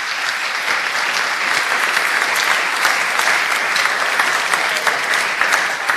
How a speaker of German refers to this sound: Applaus für beide.